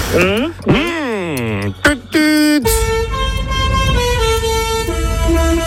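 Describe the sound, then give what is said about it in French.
A few seconds of swooping, voice-like tones give way to a long, loud, steady truck horn blast that holds for about three seconds over a deep engine rumble. “Un camion, oui, c'est vrai.”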